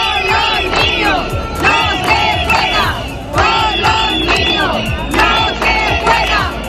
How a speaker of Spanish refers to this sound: Por eso han gritado: con los niños no se juega.